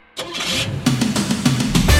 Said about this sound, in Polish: Jeszcze raz odpalamy naszym silnikiem, wybieramy się w trasę